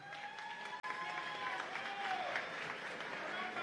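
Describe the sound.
An audience applauds steadily to welcome the next participant, a dense wash of clapping that holds at an even loudness throughout, with a brief dropout near the start and some crowd voices mixed in.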